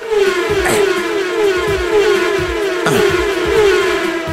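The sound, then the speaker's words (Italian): A passing-car sound effect from a video game plays each time the mouse pointer is moved. It plays loudly and continuously, a droning engine-like whine with a steady, slowly sinking pitch and a couple of brief whooshing swells, with no talking. “E poi il fatto che ogni volta che sposti la freccetta del mouse, fa il suono della macchina che passa.”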